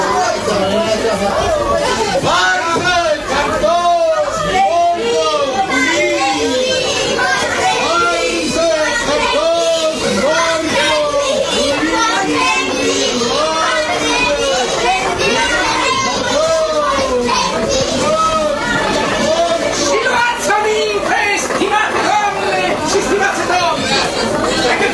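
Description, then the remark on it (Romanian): A dense crowd gathers on a street corner, suddenly filling the sidewalk, and chatters nonstop outdoors, many overlapping voices forming a loud, steady babble with no single speaker standing out, a few higher children's voices mixed in. “Iată, în colțul străzii se adună mulțimea. Trotuarul a devenit deodată neîncăpător.”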